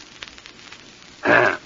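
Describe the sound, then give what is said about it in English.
A single short, rough throat clearing bursts out loudly near the end after a quiet stretch, harsh, with no talking over it. “Pardon me. I need a cough drop.”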